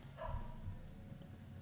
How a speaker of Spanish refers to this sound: ¿Viste? ¿Escucharon? Hay un perro ladrando en la calle. ¿Sentí? Abrí la ventana. Hay un perro que está manifestándonos el retro.